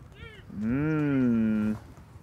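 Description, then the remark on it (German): A bison gives one loud, drawn-out grunting bellow lasting about a second while being fed carrots, preceded by a brief higher-pitched vocal sound and quiet background noise. “Ist es bei Bisons auch wie bei Pferden flache Hand oder?”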